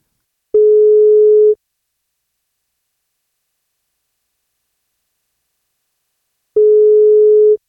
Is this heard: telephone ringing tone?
yes